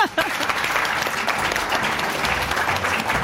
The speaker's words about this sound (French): Donc vous, on vous applaudit